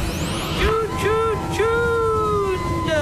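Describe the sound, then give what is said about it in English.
Steady road traffic rumbles while a siren wails in rising and falling sweeps over it, loud and continuous throughout. “Why is there so much traffic?”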